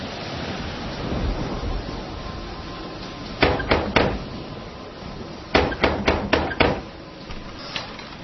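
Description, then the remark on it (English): Someone raps on a front door in two bursts, three sharp knocks, then a quicker run of five, with a final lighter tap, over a steady hiss of background noise. “You come knock on that door.”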